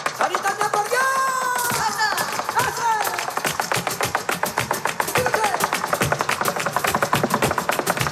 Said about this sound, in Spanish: Segundo ejemplo, el taconeo de Sara Varas.